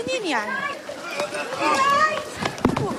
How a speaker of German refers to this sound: Kurz darauf fliegen wieder Tränengasgranaten. Beißender Rauch wabert durch die Luft. Menschen rennen wild durcheinander.